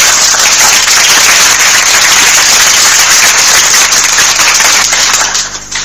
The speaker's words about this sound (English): Round of applause.